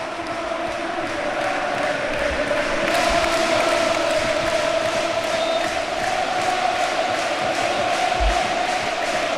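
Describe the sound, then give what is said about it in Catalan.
A packed football stadium crowd at Orriols whistles in protest in the closing minutes of a Levante match, a dense, loud, continuous wall of shrill whistling and roaring that swells slightly partway through and never lets up. “El bufandeo en Orriols sona d'esta manera.”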